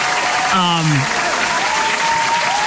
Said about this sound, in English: Can we give a round of applause here to the Sedins?